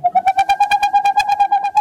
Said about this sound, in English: In the darkness of a northern forest, the hooting of a boreal owl. This is the male owl's song. These staccato notes can continue for more than an hour and carry for more than a mile.